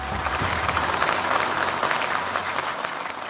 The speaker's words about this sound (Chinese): 此刻幸福的新人已来到舞台中央，接下来让我们用热烈的掌声有请内蒙古自治区妇联党组书记主席